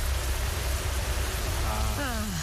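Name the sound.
rain falling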